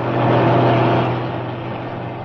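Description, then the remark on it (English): A lorry drives past hitchhikers without stopping, its deep, rumbling engine loudest at first and then easing slightly as it carries on without slowing. No one speaks. “Didn't fancy that lorry. It didn't look roadworthy to me.”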